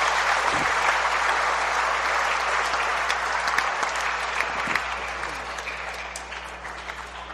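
An audience applauds the Reformador de San Francisco community steadily for several seconds, a dense, even patter of many hands clapping that gradually softens toward the end, with no one speaking over it.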